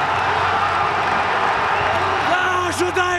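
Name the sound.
football fans cheering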